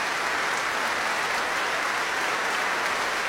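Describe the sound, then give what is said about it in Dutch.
Sustained applause from a large concert audience in the grote zaal of Tivoli Vredenburg after an encore by an ensemble, with its leader also clapping toward the audience; a dense, steady wash of clapping at even loudness throughout, with no voices standing out. “En … klapt ook naar het publiek toe.”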